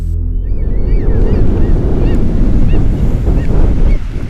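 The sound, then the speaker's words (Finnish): Strong wind buffets the microphone over a steady roar of surf washing onto the sandy beach at Yyteri in Satakunta on a moderately windy day, loud and continuous throughout, with a few faint high chirps drifting above. “jatkaa kohtalaisen tuulisesta yyteristä.”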